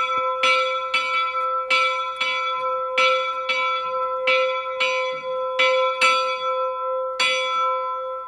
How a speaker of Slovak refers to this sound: Takto zvoní sanktusník v Liptovskom Jáne, tak sme ho rozpohybovali.